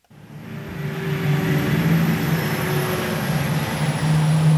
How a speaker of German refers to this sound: Man hört nur ein leises Surren und das Geräusch der Reifen auf dem Asphalt, als der große rote E-Lkw auf den Hof der Spedition Ansorge bei Biesenhofen rollt.